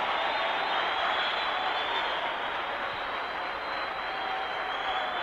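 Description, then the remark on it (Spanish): An audience applauds Christ during a church sermon in a steady, dense wash of clapping that holds at an even loudness for about five seconds, with no voices speaking over it. “¿Cuántos le aplauden?”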